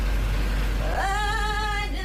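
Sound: inside a moving bus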